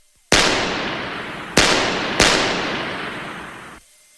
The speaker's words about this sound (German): 3-mal feuerte er auf die nach oben führende Treppe.